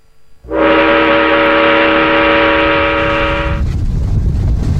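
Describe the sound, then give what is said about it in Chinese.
A northbound train heading into the Loess Plateau in China: its horn blasts loud and steady for about three seconds over the deep rumble of the train running on rails, then cuts off, leaving the rolling rail noise continuing. “1983年，几名年轻人带着一部刚刚写好的剧本踏上北去的列车，这条铁路将他们带到黄土高原的最深处”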